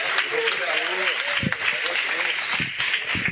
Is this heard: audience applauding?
yes